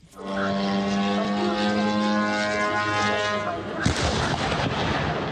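A loud, steady droning engine buzz drones on for several seconds, then a sharp blast cuts in and leaves rumbling, crackling noise behind it: a Ukrainian drone crashing into a warehouse of the Russian retailer Wildberries in Elektrostal, 60 kilometres east of Moscow, with explosions and fires.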